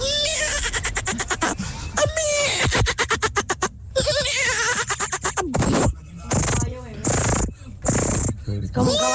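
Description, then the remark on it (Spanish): A person does a loud vocal impression of a baby horse's neigh, a quavering, rapidly pulsing whinny that warbles up and down, followed by a few shorter bursts of voice. “Mi talento oculto es, Tropicana, ser un caballo.”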